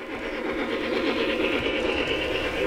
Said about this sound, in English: At the entrance was a massive model train setup featuring intricate, hyper-realistic scenery. The train held the attention of young and old as they trundled around the tracks.